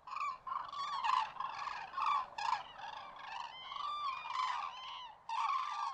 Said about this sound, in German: Der Kranich, der ist auch wieder so ein ganz faszinierender Vogel für sich selbst. Und zwar kann man den fast als eleganten Ballettkünstler bezeichnen. Der ist nämlich bekannt auch durch seine Tänze.